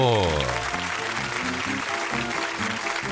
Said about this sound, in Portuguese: Recebendo aí com salvas de palmas, né? Eita, coisa boa.